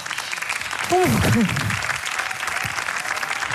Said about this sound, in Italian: Un applauso a Di Maio, che è sempre nei nostri cuori.